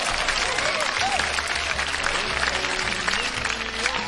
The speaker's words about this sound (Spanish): Un aplauso para toda la gente bonita de Saguayo, Michoacán.